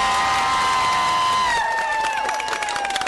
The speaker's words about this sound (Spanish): Muy bien, entonces unas palmas para Churuzapa.